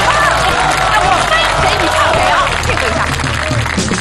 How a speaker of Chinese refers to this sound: 他要试试，来点掌声鼓励鼓励。